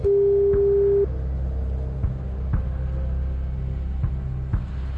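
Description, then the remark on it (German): One steady ringback tone sounds for about a second, then falls silent, as if waiting for someone to answer a call. A low, continuous rumble and occasional soft clicks run underneath. “Und die letzte Hürde ist jetzt einfach nur noch ans Telefon gehen müssen.”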